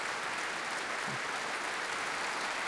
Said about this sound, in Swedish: Nu gjorde hon det med den äran ikväll och får ta emot applåder. Hon är nu mitt framme på Bärvelhallens scen.